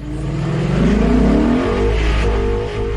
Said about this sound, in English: he would always call us when he's a little bit from the house and be, can you hear my exhaust? Was it like, I've arrived? Telling everybody, the whole neighborhood.